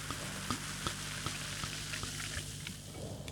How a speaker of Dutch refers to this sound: Zal ik hem voor de microfoon inschenken? Nou, doe dat eens. Je hoort de bubbels.